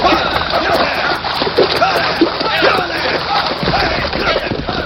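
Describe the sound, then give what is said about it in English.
Horses splash through a creek, dragging a man pulled from his saddle, in loud, continuous churning and sloshing water, busy throughout, with indistinct voices mixed underneath. “Then pull him from their saddles. Drag him through the creek.”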